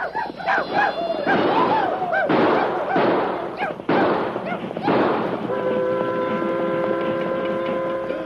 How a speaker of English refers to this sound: Better let them know. Yeah. Let out a few yells and shoot off a few cartridges. Cartridges cost money.